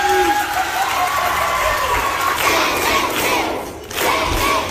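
Introductory applause: a crowd cheers, shouts and claps in a loud, continuous roar that holds steady for several seconds, dips briefly near the end, then swells again.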